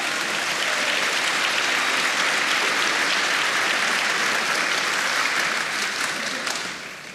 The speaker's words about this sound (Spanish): Vamos, denle palmas al Señor.